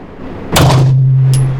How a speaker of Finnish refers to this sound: Ja sitten kun se ase, koska nyt se potkaisee enemmän, ääntä tulee enemmän. Ja sitten kun sä huomaat, että ei tää potkassukaan niin paljon, että äijä valehteli, niin sit voit ottaa vähän rennommin. Mut eka laukaus, älä anna tän aseen yllättää.